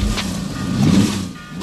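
A car engine rumbles past, swelling to a peak midway and then easing off as it moves away, with no voices.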